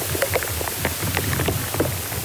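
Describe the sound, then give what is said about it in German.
Dense, irregular crackling and popping recorded by a microphone inside a beech tree, from insects and fluid moving up and down in the tree, scattered sharp clicks over a steady low rumble and hiss, somewhat like rain on a surface. No voices. “Ja, und im Inneren einer Buche klingt das zum Beispiel so.”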